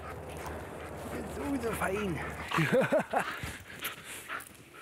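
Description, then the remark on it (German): A playful, friendly female police dog gives a series of short, high whining yelps and excited barks, arching cries repeating rapidly over a low steady hum, with faint background noise. “fährt Amy ihr Adrenalin binnen Sekunden wieder runter und ist nichts weiter als ein verspielter, freundlicher Hund”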